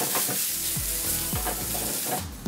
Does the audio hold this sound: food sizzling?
yes